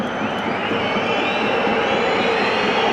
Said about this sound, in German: Und die Pfiffe, die ihr hört, die kommen ja ganz eindeutig von den Fans der TSG Hoffenheim.